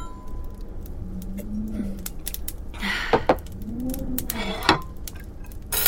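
glasses clinking

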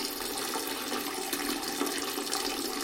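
toilet flushing

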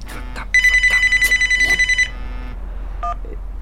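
telephone ringing

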